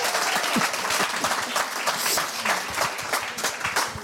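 A crowd applauds steadily for about four seconds, a dense, even patter of many hands clapping at a constant loud level with no voices standing out.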